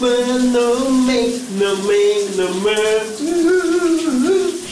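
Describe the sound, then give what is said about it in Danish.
A steady hiss of shower water pours continuously, with a muffled song and its sung melody playing underneath, partly drowned by the spray. “Vi skal have brusebadshittet ud af ovnen lige nu.”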